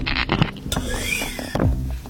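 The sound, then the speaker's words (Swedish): An office chair's gas lift hisses as the seat sinks, with mechanical clunks at the start and end and a thin squeaky whine in the middle. No one speaks. “Jag ska se om jag kan hissa ner den här stolen.”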